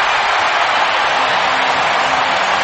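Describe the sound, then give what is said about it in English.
A stadium crowd at an NFL preseason game cheering Fernando Mendoza's first Raiders touchdown, a loud, continuous roar that holds steady for the whole stretch, a dense wash of many voices with no single speaker standing out. “You're even hearing the crowd, right?”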